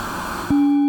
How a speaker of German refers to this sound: Das heißt, wir hören immer noch das ganze Rauschen, aber wir können jetzt über das Filter heraushören, was in diesem Rauschen alles integriert ist.